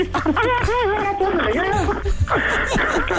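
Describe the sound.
A woman, a caller's sister on the Panda Show, sobs, her voice wavering in shaky, broken cries that rise and fall for a few seconds, with some muffled background noise underneath.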